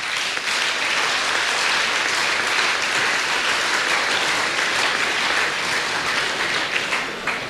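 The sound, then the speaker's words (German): Sustained applause from a sizable audience for the Orblinger Trachtler, hosts of a Gaufest in Bavaria. The clapping is dense and steady at fairly loud, even intensity throughout, with no speech over it. “Darum gebührt die Orblinger Trachtler einen besonderen Applaus für das, dass sie das aufgetan haben.”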